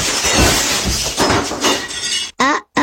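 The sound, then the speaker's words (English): Window glass shatters in a loud, sustained crash of breaking and tinkling shards, ending abruptly with a brief silence and a short tonal burst before cutting off. “I broke the window. Okay, quick, glue? No. Tape? Nuh-uh, it's shattered.”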